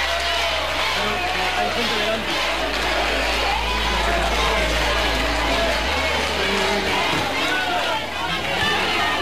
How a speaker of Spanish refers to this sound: Allí fue recibido con división de opiniones entre aplausos y gritos de guapo y también abucheos.